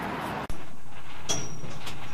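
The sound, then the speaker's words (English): A train runs along the Qinghai Xijiang Railway, a high plateau railway, with a steady, broad rumbling roar. A brief high-pitched metallic squeal rises partway through, with faint clinks. No one speaks. “This is the Qinghai Xijiang Railway, the highest and longest plateau track on Earth.”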